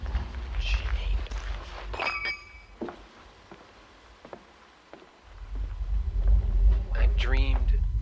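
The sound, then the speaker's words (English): Several irregular footsteps tap along a sidewalk, sharp and moderately loud, over a steady low rumble of water running underneath the feet, with brief murmured voices at the start and end. “You're walking along the sidewalk and then you hear the sidewalk and the noise.”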